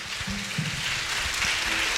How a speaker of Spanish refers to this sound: Fuerte aplauso a la Vigilia de Pentecostés.